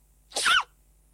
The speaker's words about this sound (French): La sensation internet, l'adorable panda qui éternue.